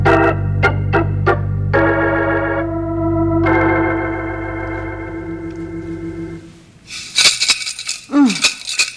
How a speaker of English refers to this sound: Seems as though those coins don't fall out very easily. Well, one thing about it, no one can steal from this without being heard. Next time, though, let's get the kids a bank with a key.